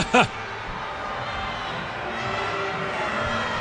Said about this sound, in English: You can hear the grumbles by the crowd at Shell Energy Stadium.